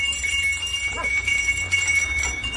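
Small bells ring steadily throughout, a bright, continuous metallic tinkling over a low background rumble, with no voices.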